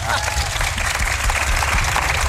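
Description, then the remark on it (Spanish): A steady burst of audience applause, dense and continuous, with many hands clapping together at an even, sustained level, loud throughout. “Así que aplaudan, vamos, vamos.”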